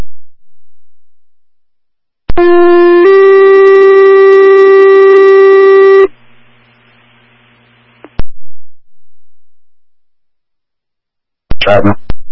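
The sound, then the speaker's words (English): Loud fire dispatch paging tones for the Upton Fire Department in Huron County: a short steady electronic tone steps up to a longer held second tone, then cuts to a low radio hum before a voice briefly comes on. “That's 10-4, standby for tones.”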